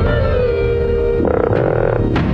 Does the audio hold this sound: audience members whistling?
no